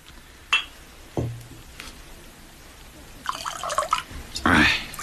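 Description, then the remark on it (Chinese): A couple of sharp knocks and a brief ringing clink as a bottle of Shaoxing huadiao rice wine is opened, followed by two bursts of liquid gurgling and splashing as the wine is poured. “哎，先生，请你把那个绍兴花雕打开吧。”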